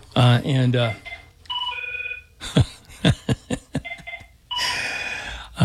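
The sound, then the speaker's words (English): A brief voice gives way to electronic telephone ringing, steady two-tone chirps, then a run of sharp clicks and another burst of ringing over a noisy, hissy background. “I'm ready to blow this phone up over here real quick.”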